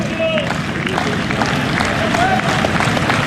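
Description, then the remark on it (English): A stadium crowd of Crimson Tide faithful, Alabama fans, claps loudly and steadily during a game as a batter waits for a pitch: a dense wash of overlapping rapid claps mixed with crowd murmur and a few thin, rising whistles. “Faye with the glove at the ear trying to hear the pitch come behind the deafening claps from the Crimson Tide faithful.”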